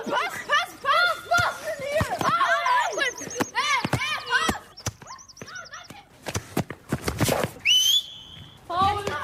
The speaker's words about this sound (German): Denn wir haben einen Fußballplatz auf unserem Pausenhof. Nicht jede Schule hat das. Ein eingezäunter Fußballplatz mit zwei Toren, das Geräusch des Balles, Schreie und Pfiffe von den unterschiedlichsten Schülern.